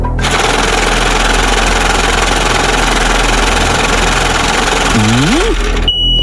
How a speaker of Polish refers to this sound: No, kierowniczko, odpalaj maszynę losującą.